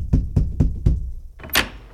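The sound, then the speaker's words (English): Four firm, evenly spaced knocks on a door, fairly loud, followed after a short pause by a brief bright rattling scrape. No one speaks. “Hang on a minute, there's somebody at the door!”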